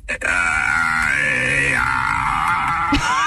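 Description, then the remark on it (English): ChatGPT's synthetic voice imitates a newborn baby crying: one loud, unbroken wail lasting a few seconds, holding a fairly high pitch before dropping slightly near the end, with no other talking. “Can you just like make the sound of a baby in the background so I can say I gotta go?”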